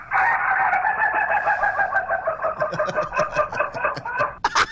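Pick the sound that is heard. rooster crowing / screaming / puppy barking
rooster crowing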